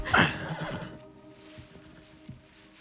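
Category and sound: animal, horse neighing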